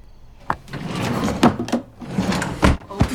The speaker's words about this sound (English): Tree puts the picture frame in the top dresser drawer.